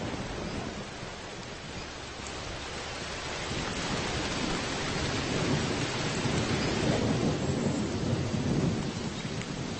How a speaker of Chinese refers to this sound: 哪怕风雨交加，暴雨雷电